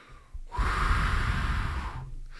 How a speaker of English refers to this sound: I'm taking a deep breath.